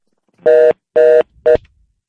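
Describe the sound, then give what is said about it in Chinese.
Three electronic dialing tones from a telephone receiver, not a mobile phone, sound in quick succession: two evenly held beeps followed by a shorter third, clear, with no talking around them. “好啦，我是问过啦，对啦，你莫听手机的声，你听电话筒的声啦，这。”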